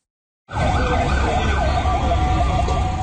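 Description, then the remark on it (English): A fire truck siren wails in rising and falling sweeps over a steady roar of city traffic on the streets of Caracas, Venezuela, after two powerful earthquakes struck west of the city, loud and sounding continuously from the moment it begins. “Fire trucks are on the streets of Venezuela's capital tonight after two powerful back-to-back earthquakes struck west of Caracas, bringing down buildings.”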